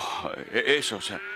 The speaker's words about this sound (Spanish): ¿Qué significan entonces esos balidos de ovejas y esos bramidos de las vacas que oigo?